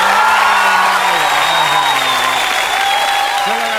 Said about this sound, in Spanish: Un aplauso. Se ganó un aplauso.